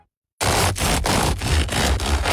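After a brief silence, a crusty loaf from Döll bakery on Theaterstraße in Würzburg, crisp outside and airy inside, crackles loudly and steadily, a dense crunchy rustle broken by short rhythmic dips about every third of a second. No voices.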